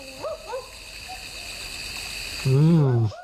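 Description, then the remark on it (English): A barking owl calls outdoors: a couple of faint, short hoots early on, then a loud, dog-like bark near the end, all over a steady background hiss of insects or running water. “It is a barking owl.”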